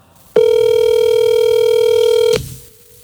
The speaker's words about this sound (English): Oh, well, surprise, let me call my wife real quick. I got my phone here. I'll find out.